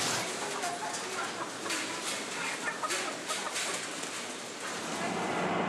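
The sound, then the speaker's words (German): A large flock of white hens clucks and squawks continuously, a dense, busy chorus that stays fairly loud throughout, with no pauses. “Hier haben wir das erste Mal weiße Hennen.”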